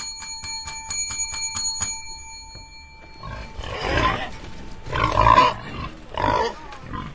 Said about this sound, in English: Pig! Pig! Pig!